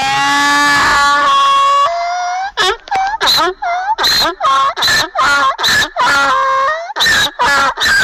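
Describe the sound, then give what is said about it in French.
A donkey brays loudly, a long harsh run of rhythmic hee-haw pulses that rise and fall in quick alternation for several seconds, with no talking. “L'âne qui, dans cette fable, servira de trompette pour effrayer les gens.”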